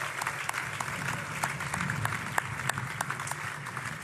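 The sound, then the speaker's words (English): A crowd applauds steadily, many hands clapping in a dense, continuous patter with a few sharper claps standing out, holding at a moderate level throughout. “Ladies and gentlemen, another round of applause, please.”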